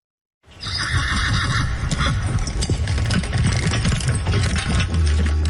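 A horse whinnies loudly over a steady clatter of hooves clip-clopping, with a busy mechanical rattle underneath throughout.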